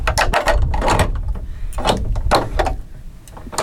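Several loud knocks on a heavy wooden door, landing in irregular bursts with a dull, resonant thud and some rattling between strikes, knocking to announce a visit.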